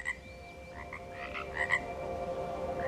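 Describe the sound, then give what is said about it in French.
A chorus of frogs croaks steadily, with several louder pulsing calls standing out over a constant droning background of other frogs. No one speaks. “Et le croassement des grenouilles, c'est vraiment un son auquel je me suis habituée.”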